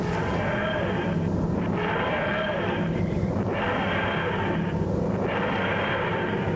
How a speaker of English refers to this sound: There it is. A key scraping a piano string to make that sound.